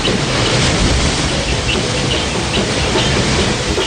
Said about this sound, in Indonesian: Gemuruh serta bergeloranya laut tak pernah menjadi rintangan bagi pelaut tangguh Bugis Makassar dalam melayarkan bahtera pinisi.